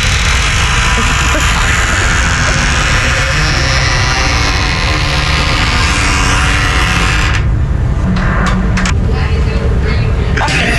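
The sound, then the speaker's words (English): A door creaks open with a loud, harsh, grinding sound that drags on for several seconds, then breaks into a few short scraping bursts as it stops. “I have a recording here for you. This is the door being opened.”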